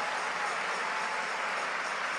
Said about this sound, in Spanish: Y denle un aplauso al Rey de Reyes y al Señor de Señores.